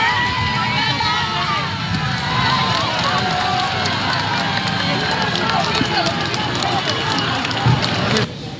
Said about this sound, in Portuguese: mesmo não sendo muito visível porque ele vinha num carro fechado, foi recebido com gritos e aplausos.